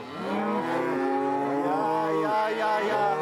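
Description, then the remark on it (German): Several cows and their calves born in the barn moo over one another in long, overlapping calls as they are brought out to pasture in spring, some deep and some higher-pitched like calves, forming a loud, continuous chorus with no talking. “wenn sie ihre Kühe und die im Stall geborenen Kälber auf die Weide bringen.”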